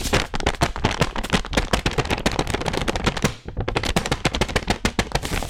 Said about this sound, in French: C'est le tour du papier fait main. Quel son on écoute si on l'étire?